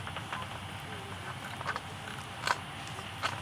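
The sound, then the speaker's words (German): A bat catching an insect: short, dry zipper-like bursts of rapid clicks, three of them spaced about a second apart, rising briefly over a faint, steady hiss. “Und das ist immer dann, wenn die Fledermaus ein Insekt fängt.”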